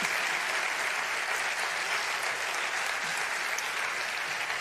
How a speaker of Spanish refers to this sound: Ahora vamos a esperar que se vayan Asociación Músico Cultural Maestro Miguel de Villargordo. Otro aplauso y así los ayudamos a que vayan saliendo tranquilos.